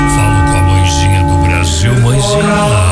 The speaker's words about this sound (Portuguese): Me desligo do mundo matéria, faço meu sinal da cruz, escuto os sinos da catedral, canto gregoriano.